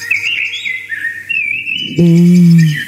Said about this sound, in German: Schon schön, oder? Wie die singen, die Amseln im Freistaat. Die hören wir gerade wirklich überall in Bayern. Die singen genauso schön wie ich eigentlich. Ja. Also, vor allem sind die ganz schön kraftig.